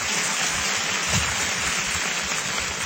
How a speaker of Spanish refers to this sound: Y si va a aplaudir, aplauda bien. No aplauda a medias.